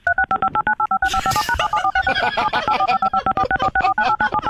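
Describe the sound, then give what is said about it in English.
A rapid, nonstop burst of touch-tone telephone dialing beeps, dozens of short two-pitch tones fired off in quick succession, loud and steady, with a brief noisy rustle partway through. “Just tell me the accurate number of tones you hear.”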